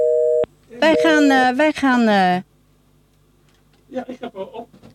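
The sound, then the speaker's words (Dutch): A single loud telephone busy-signal tone sounds briefly at the start and cuts off as a call to the next guest is attempted. A drawn-out voice follows, then a pause, and then people talking. “wij gaan eventjes opnieuw bellen met onze volgende gast”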